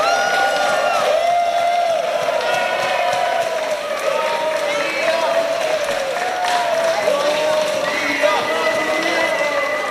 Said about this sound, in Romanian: La întoarcerea în țară au fost întâmpinați cu aplauze.